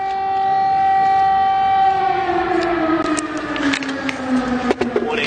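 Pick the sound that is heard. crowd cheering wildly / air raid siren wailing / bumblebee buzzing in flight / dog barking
air raid siren wailing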